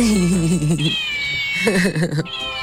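A cat meows twice, close and fairly loud, each call long and wavering in pitch, with a brief pause between them and a thin high whine running underneath.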